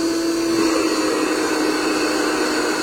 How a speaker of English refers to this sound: Phew. Seems like all I do is mop and vacuum these floors.